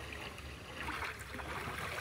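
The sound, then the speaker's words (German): Water laps and swishes steadily around a small boat on the Miroer Kanal in the Mecklenburg Lake District, Germany, on a warm August day, a continuous soft wash with faint splashy detail, moderately quiet and without any voices. “So, der Miroer Kanal wäre geschafft”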